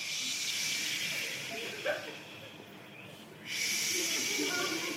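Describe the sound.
A crowd of voices imitates the sea, a steady hissing, shushing wash of breathy noise that dips briefly in the middle, then swells back up loudly.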